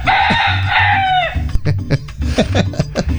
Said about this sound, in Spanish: Entre nubes, ahí están los primeros rayos del sol picoteados por ese gallo mojado que está allí, ¿eh? A ver, canta gallo, vamos.